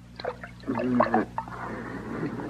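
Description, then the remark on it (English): Wet splashing and dripping from a wet cloth as water is splashed onto a badly beaten man, with a squishy burst of water in the middle followed by a steady patter of drips and trickling. “I shouldn't wonder with all that water I splashed on.”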